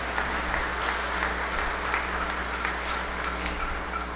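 An audience at a Mass applauds a woman's 65th birthday, steadily for about four seconds. It is a dense patter of many hands clapping at an even level, with a low steady hum underneath and no voices.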